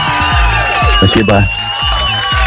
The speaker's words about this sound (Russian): и эти аплодисменты также для вас.